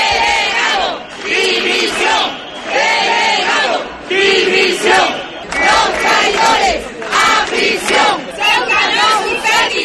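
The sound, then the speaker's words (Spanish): A crowd of protesters shouts loudly in unison in the streets of Ceuta, rhythmic chanted bursts repeating every second or so with brief dips between, a dense wall of raised voices throughout. “Pues son algunos de los gritos que se siguen escuchando en las calles ceutíes después de las protestas que se vienen produciendo día sí y día también”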